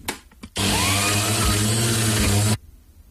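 A kitchen blender switches on with a loud, steady whirring roar, a low motor hum under a bright hiss, runs evenly for about two seconds, then cuts off abruptly. No one speaks.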